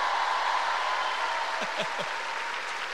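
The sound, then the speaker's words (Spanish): An audience claps steadily in a dense, continuous wash of applause that holds at an even level throughout, with a few brief shouts rising above it partway through. “¡Un aplauso!”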